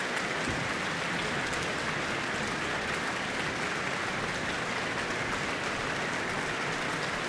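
An evening concert audience applauds the Auckland Philharmonia after Mozart's Symphony No. 40 in G minor, conducted by Eivind Aardland, in a dense, steady wash of many hands clapping at once, holding an even, fairly loud level with no voices standing out.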